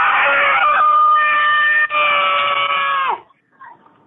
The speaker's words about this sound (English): let out the scariest, creepiest, most blood-curdling scream